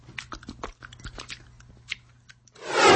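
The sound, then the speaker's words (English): A dog named Churchill laps and smacks wetly at peanut butter oral gel dispensed from the top of a SimPill device, a quick, irregular run of soft clicks and slurps, followed by a sudden loud rush of noise at the end. “Now start licking.”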